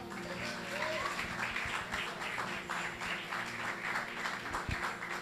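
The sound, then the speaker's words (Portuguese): An audience in a church applauding together in praise of the Lord, a dense, steady wash of many hands clapping that holds for several seconds at moderate loudness, with a faint low hum running underneath. “E as palmas louve ao Senhor.”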